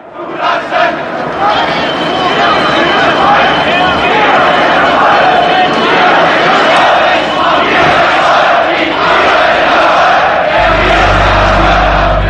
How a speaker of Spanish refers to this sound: Ni te imaginas lo ruidoso que suenan 70.000 personas gritando. Somos el pueblo. Gorbachov, Gorbachov. Hubo un silencio en medio de aquellos cánticos. Solo se oían las pisadas de decenas de miles de personas.